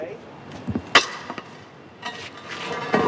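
A heavy manhole cover is dragged over cobblestones, giving a few irregular grinding scrapes and sharp metallic clanks in short bursts, with quieter rumbling between them.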